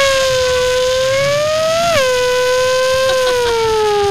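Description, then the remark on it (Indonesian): A voice imitates a car with one loud, sustained, buzzing hum. The pitch slowly climbs, dips sharply about halfway through, then holds steady and slides gently lower toward the end. “Nah, aku bikin suara mobil nih.”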